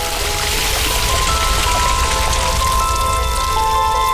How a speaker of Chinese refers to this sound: 热油翻烫，内部残存的水分在高温下急速气化，木薯淀粉被带动一起膨胀。这就是东南亚的经典小吃虾片。